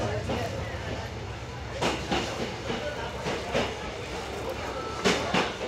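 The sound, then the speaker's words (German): A Korail 'Tiger' locomotive hauls a tourist excursion train at just over 30 km/h through rugged landscape with many tunnels, a steady low rumble broken by sharp, irregular clacks of wheels over rail joints, with a faint hiss. “Mit etwas über 30 Stundenkilometern zieht die Tiger-Lok ihren Zug durch die schroffe Landschaft mit den vielen Tunneln.”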